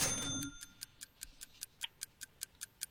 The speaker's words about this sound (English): you ready with the clock? Clock is ready.